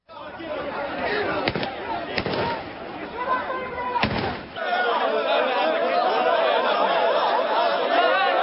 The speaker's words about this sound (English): You could hear the sound of police firing shots in the air as they struggle to contain crowds of people.